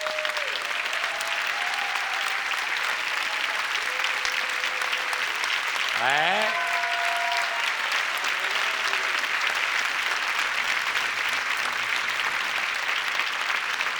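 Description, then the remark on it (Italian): Sustained applause from the audience at a show in Sestri Ponente, a dense steady wash of clapping that fills the whole stretch, with a few faint tonal whistles or cheers rising through it. “Di quest'anno, il grande applauso del nostro pubblico di Sestri.”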